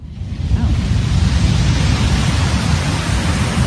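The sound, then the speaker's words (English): A steady, deep roar of surf rolling in from a distance, a continuous wash of low rumbling noise with a soft hiss on top and no voices. “Distant ocean waves.”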